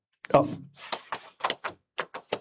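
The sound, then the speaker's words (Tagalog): A wooden thunk as a drawer in a bedroom is pushed shut after something is put into it, followed by a series of short scraping, rattling bursts like things shifting and the drawer sliding. “Ibutang ko ini sa drawer.”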